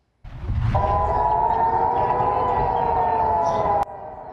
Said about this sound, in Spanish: Las sirenas volvieron a sonar en Jerusalén este lunes por la mañana. El ejército alertó a la población sobre misiles lanzados hacia territorio israelí.